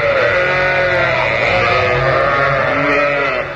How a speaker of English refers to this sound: One stock record of sheep is being played.